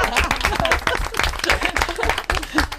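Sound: audience applause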